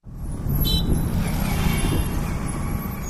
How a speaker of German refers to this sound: Eine belebte Verkehrskreuzung in der südindischen Stadt Hyderabad. Es ist heiß, laut und die Luft voller Abgase.